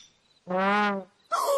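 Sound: bird call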